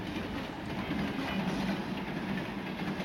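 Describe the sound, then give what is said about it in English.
A train rolls steadily along the rails with a continuous low rumble and faint rhythmic clatter, with no voices. “I got off the train, said goodbye to Joe”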